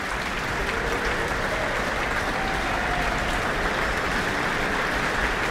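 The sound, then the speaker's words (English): Sustained applause from a large concert audience for the trumpet section of the Auckland Philharmonia orchestra, a dense, even wash of clapping that holds steady at a strong level throughout, with no voices rising above it. “Hugh Dan, principal trumpeter, receives his applause with the rest of the trumpet section.”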